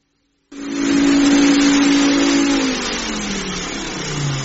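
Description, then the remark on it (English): A vacuum cleaner, being used to give a house a once-over, switches on abruptly into a loud, steady whooshing roar, its droning motor hum sliding slightly lower in pitch partway through. No one speaks. “Well, it's my super-duper vacuum cleaner.”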